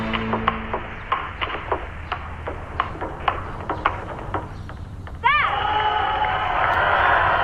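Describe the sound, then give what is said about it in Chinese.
A table tennis ball ticks back and forth in a quick, uneven rally during a match. Then many spectators erupt into loud, sustained cheering for the player Xu Qian, with a rising whistle-like shout that carries through to the end. “也许是同为炎黄子孙，那么现场很多的观众在为许倩加油助威，许倩也是越打越顽强。”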